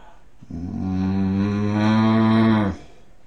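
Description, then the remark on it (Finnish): A person imitates a bull bellowing with one loud, deep, droning call held steadily for about two seconds, then cut off abruptly into quiet. “Sitten sonni.”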